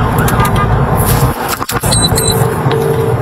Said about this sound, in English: Must not have been a huge emergency, because you'll hear from inside the cab of their police vehicle how they handled it. It says, but a van driver blocked their path on the motorway.